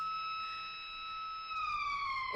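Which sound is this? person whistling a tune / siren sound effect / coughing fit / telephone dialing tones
siren sound effect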